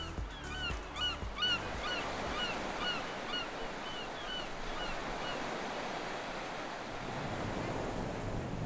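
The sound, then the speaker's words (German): Sea waves wash steadily onto a small pebble beach at Maciana Marina on Elba in a continuous broad rush, with a few bird calls overhead during the first few seconds, then just the surf. “Nach so viel grüner Natur zieht es mich ans Meer.”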